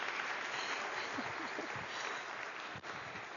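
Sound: audience applause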